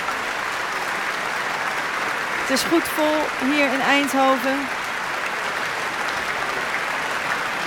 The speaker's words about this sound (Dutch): Hij neemt het applaus in ontvangst.